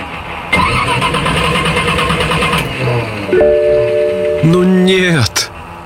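An old car engine cranks roughly for a couple of seconds, sputtering without catching, followed by wavering tonal whines and a sharp cutoff, all fairly loud.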